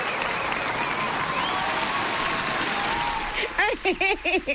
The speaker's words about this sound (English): Hey, another applause.